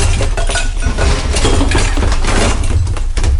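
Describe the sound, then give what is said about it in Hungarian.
A shelf gives way and a jumble of objects tumbles down, a loud, continuous clatter of clinking, crashing and breaking pieces lasting several seconds with no voices. “Letört egy polc és leesett róla sok minden.”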